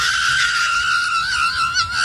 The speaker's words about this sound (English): Patrick Mahomes and his screaming, insane, lunatic wife. Mm. Let's go back to the tape.